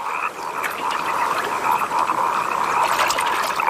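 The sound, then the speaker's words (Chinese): A dense chorus of wood frogs croaking during their brief, explosive breeding period of only a few days, many overlapping calls forming a steady, clucking drone that stays loud and even throughout, with no voices. “林蛙抱对繁殖只持续几天时间，这种短时间内大量繁殖的行为也被称为爆炸式生殖。”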